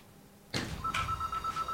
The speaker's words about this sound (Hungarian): Telefon.